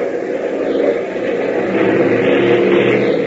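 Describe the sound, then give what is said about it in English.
The engine of a small primary trainer airplane roars into action out on a runway, a dense, rumbling drone that swells slightly partway through and keeps running without a break. “But even as Tank confides his fear to Gale, the engine of the primary trainer roars into action out on the runway.”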